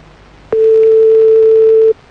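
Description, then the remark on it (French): A steady, single-pitched telephone tone sounds loudly for about a second and a half, starting abruptly with a click and cutting off cleanly, with no voices over it, as a call is placed again to a girlfriend's phone. “On rappelle ta meuf, hein.”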